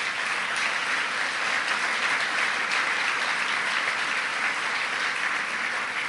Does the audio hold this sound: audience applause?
yes